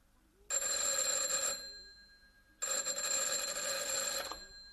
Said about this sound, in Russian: Телефон.